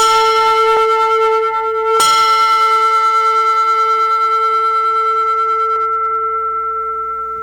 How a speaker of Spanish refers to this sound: Vamos a ver si estamos. Sí, lo logramos, el 90%, que suene la campana del 90%.